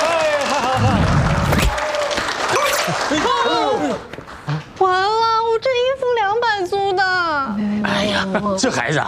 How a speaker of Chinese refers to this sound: 咱们第一单签约成功，我们一起拍个照。好，拍个照，来来来，鼓掌鼓掌鼓掌！